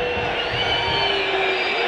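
A dense football stadium crowd roars steadily, with many sustained whistles aimed at the players piercing through the din, loud and continuous for the whole moment, a mass jeer from the stands.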